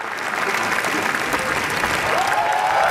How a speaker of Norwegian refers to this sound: Tårene rann, applausen varte og rakk. I hele 10 minutter så klappet publikum i Cannes etter visningen av Renate Reinsve sin nyeste film, Fjord i går kveld.